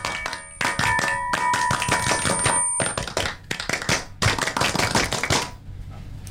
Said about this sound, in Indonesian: sapa dulu, dua kali tepuk pramuka.